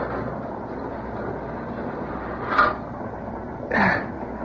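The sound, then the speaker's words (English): A heavy boxcar door slides shut in two short, harsh scraping bursts, the second longer and louder, over the steady low rumble of a moving train. No one speaks. “Better close the door.”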